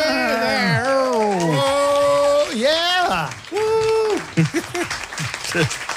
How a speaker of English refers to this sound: The crowd goes wild.